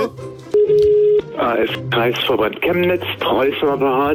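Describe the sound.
A single steady telephone tone, like a ringback, hums for just over half a second as a Radio Z morning show calls the headquarters of the German AfD party, then a voice speaks over a thin, band-limited phone line.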